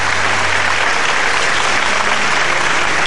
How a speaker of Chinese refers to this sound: 让我们再一次以热烈的掌声欢迎各位老师的到来。